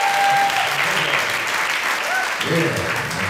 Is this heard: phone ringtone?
no